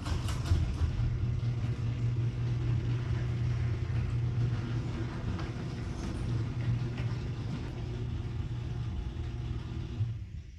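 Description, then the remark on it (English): A garage door fitted with new premium nylon rollers rolls open, giving a smooth, steady low rumble and motor hum with a slight buzzing from the motor, holding evenly for about ten seconds before cutting off. No voices. “Play audio cut number 2, the new premium nylon rollers on my garage door.”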